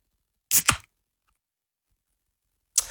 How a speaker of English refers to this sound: As I crack a can into the microphone here, you tell me if it is beer or soft drink.